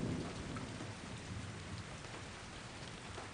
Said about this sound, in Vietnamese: Ngoài trời đang mưa, mẹ lại không đem dù theo.